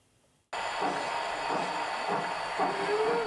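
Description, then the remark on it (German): A 1:32-scale model railway train, on a 600-square-metre layout in the cellar of an old factory, runs steadily along its track with a continuous hissing rumble and faint rhythmic clatter, starting abruptly after a brief quiet moment and staying fairly loud. “Hier fahren alle Züge noch pünktlich und es gibt kaum ein Problem, das Männer nicht lösen können.”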